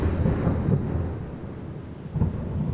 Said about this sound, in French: Foudre, éclair, tout s'enchaîne, tes yeux, ta peau, tes lèvres, fourbe, le ciel fait des siennes, mon cœur ne tient plus, regard, pluie, rafale de vent, coup de foudre.